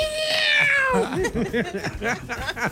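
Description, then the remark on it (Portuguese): A high, tonal meow-like call glides downward for about a second, a man imitating a cat with a small whistle, then people start talking over a busy background. “Sim, mas ele imita o gato com o apitinho.”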